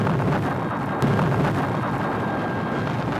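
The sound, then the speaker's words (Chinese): Heavy mountain-clearing blasting explosions for rock at the Shekou Industrial Zone in 1979, a sharp crack followed by continuous deep, booming rumble that fills the whole stretch, loud and without any voices. “1979年，蛇口工业区的开山炮声为经济特区建设拉开序幕”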